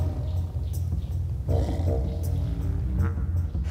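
A deep, rumbling growl from a tiger in an enclosure, fairly loud, swelling into a throatier, harmonic snarl halfway through and continuing steadily to the end with no talking.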